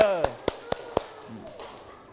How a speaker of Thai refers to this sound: ปรบมือให้กับเพื่อนๆที่ออกมานำเสนอหน่อยเยี่ยมมาก